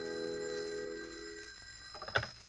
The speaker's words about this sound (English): I'd propped the latest edition just south of the bulge that marked the last resting place of a brace of breaded pork chops when the phone rang.